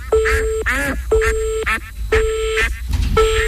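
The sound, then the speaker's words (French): A duck quacks loudly and repeatedly, about five nasal honks in quick succession, over a steady electronic tone like a phone line. “Votre canard, faut venir le récupérer maintenant.”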